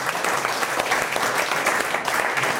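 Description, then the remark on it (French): An audience breaks into steady applause for a state councillor (conseiller d'État), a dense wash of many hands clapping at an even, fairly loud level throughout, with no pauses or voices rising above it. “Mais on applaudit notre conseiller d'État.”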